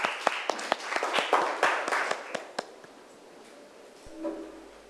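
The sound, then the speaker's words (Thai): A small group of students claps for about three seconds for a classmate representing group 3, with sharp, fairly even claps that thin out and fade, leaving quiet room tone and a faint voice near the end. “มีตัวแทนแล้วจากกลุ่มที่3ก็ปรบมือดังๆให้เพื่อนของเราหน่อยนะคะ”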